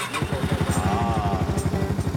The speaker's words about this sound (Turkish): Bu gereçlerden bir tanesi de aracın ateşleme sisteminden motor devrini ölçebilen bir alet. Motoru çalıştıralım.